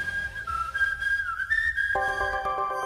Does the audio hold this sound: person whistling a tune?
yes